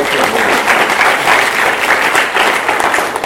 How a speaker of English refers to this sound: Can you all clap